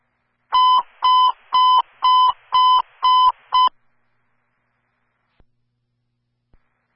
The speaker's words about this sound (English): It's going to be a fire alarm.